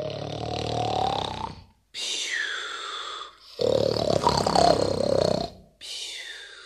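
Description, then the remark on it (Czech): A voice imitates the loud, heavy snoring of a wolf asleep in a bed in a cottage: four long, rasping, growly breaths in close succession, each separated by a brief pause, forceful. “Slyší z chaloupky chrápání, poslouchá a myslí si, co to, že babička tak chrápe.”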